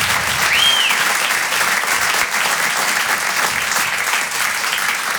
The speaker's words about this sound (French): Bon, avant de démarrer, est-ce qu'on peut applaudir tous les artistes qui sont passés avant moi ? On peut les applaudir comme il se doit.